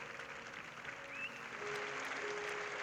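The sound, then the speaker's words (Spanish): Sustained, dense applause from a large audience at the San Sebastián film festival, a 15-minute ovation for the Los Javis film La bola negra. A steady wash of clapping holds level throughout, with no voices rising above it. “Es la ovación que recibió la bola negra de los Javis. Aplausos durante 15 minutos en San Sebastián para esta película inspirada en la figura de Lorca y ya premiada en Cannes y Toronto.”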